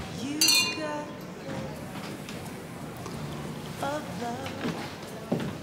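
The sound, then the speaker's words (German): Glasses clink together in a bright, ringing toast near the start, followed by a few lighter clinks amid a murmur of voices and general party chatter. “Prost.”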